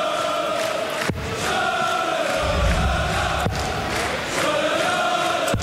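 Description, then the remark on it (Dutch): A crowd at a match joins in, cheering and shouting in a dense, continuous roar, with a few sharp claps or cracks cutting through and a low rumble swelling in the middle. “Het publiek gaat zich ook steeds in mengen.”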